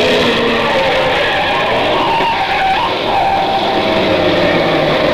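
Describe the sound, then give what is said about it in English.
A car engine roars loudly and steadily, dense and unbroken, with a brief rising whine midway as the car stops and is swung around at a dead end, with another car a few feet behind. “it stopped and he swung the car around with Hellman a few feet behind”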